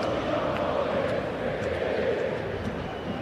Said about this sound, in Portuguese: quem canta é a torcida que canta e vibra. Ouça a torcida do Verdão.